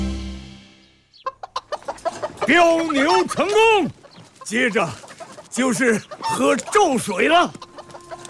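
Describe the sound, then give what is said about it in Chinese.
A large rooster, readied as a witness for an oath ceremony, clucks, starting with a few short, quick clucks that build into louder, drawn-out squawking calls in uneven bursts. “我早就准备好了大公鸡，以公鸡为证，天地为鉴。”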